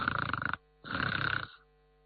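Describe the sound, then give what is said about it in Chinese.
A voice imitates loud snoring: two long, rattling snores, each a rough buzzing pulse, separated by a short pause. “摘耳朵一听，好声音这呼噜在院里都能听见。”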